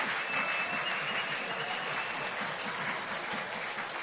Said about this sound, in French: La foule qui a envie d'encourager les siens.